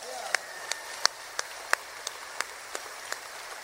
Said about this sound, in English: Back on the bass and also singing harmony. A nice round of applause, if you will, from Pensacola, Florida